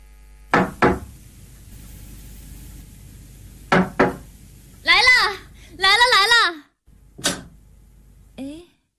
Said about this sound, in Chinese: 一天，我正在家里无聊时，听见一辆汽车停到了楼下。不一会儿，有人敲门。